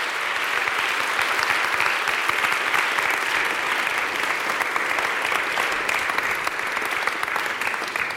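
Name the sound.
audience applause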